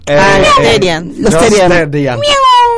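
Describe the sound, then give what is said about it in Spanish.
A person imitates a cat, letting out several loud, drawn-out meows, each one sliding in pitch, with brief gaps between them. “¿Cómo maullan los gatos? ¡Miau!”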